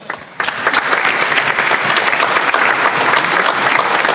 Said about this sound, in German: Applaus.